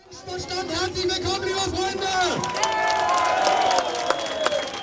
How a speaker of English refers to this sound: A crowd cheers at an Alternative für Deutschland rally in the town of Querfurt. It's here in the region of Saxony-Anhalt that the far-right party is aiming to take power at a state level for the very first time.